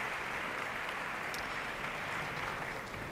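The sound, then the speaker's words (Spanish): A concert audience applauds the orchestra's concertmaster as she comes on stage to tune the orchestra, a dense patter of many hands clapping at an even, sustained level throughout, with no voices standing out. “Esos aplausos que suenan son dirigidos a ella.”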